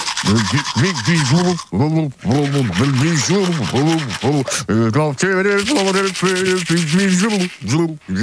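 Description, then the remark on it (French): Steady scrubbing of a manual toothbrush in a bathroom runs throughout while a man hums a song through a full mouth, the tune muffled and wavering over the bristle noise. “Il le fait, il prend sa brosse à dents manuelle.”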